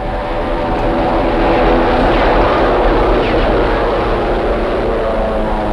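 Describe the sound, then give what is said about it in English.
Heavy bomber aircraft engines drone overhead for the whole stretch, a dense, rumbling roar with layered humming tones that swells slightly in the middle. No voices are heard. “Those bombers.”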